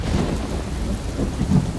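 A thunderstorm at sea, heard aboard a container ship: steady, dense rain hisses throughout while deep thunder rumbles low underneath, swelling slightly near the end. Loud, with no voices.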